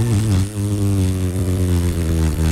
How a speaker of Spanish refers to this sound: Suena espectacular mi moto.